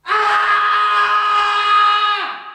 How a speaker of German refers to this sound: schreit in der Nacht.